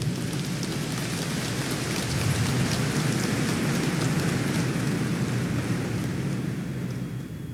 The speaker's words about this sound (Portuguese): Uma salva de palmas ao Santo Evangelho.